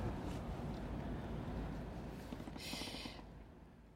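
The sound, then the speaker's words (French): A steady, deep engine rumble from large four-deck passenger transport boats on the water, with gusty wind buffeting the microphone and a brief hissing burst partway through. “Il y a des gros bateaux de transport à passagers en face.”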